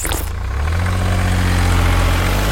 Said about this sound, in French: Ce camion Ben, il récolte les déchets, les écrase pour qu'ils ne prennent pas trop de place, et ensuite, il peut les décharger. En gros, c'est une poubelle avec des roues qui mange des poubelles.